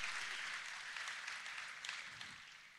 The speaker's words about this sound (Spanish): Así que, ¿qué le parece si le brindamos un fuerte aplauso a estas empresas aliadas, patrocinadoras?